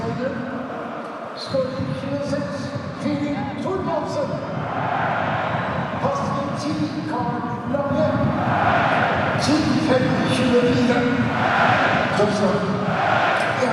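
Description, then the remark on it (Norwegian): A large crowd of Vålerenga football fans chants and cheers in a stadium, a dense, steady roar of many voices singing together that swells slightly louder in the second half. “Ja, hører på Vålerenga-fansen nå da.”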